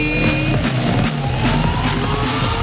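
A brand-new (0 km) Suzuki motorcycle engine revs loudly and continuously, its roaring whine climbing steadily in pitch over a few seconds, with no voices.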